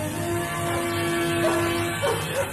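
A few faint dog barks come in short bursts over a steady low hum and background rumble, with no one speaking.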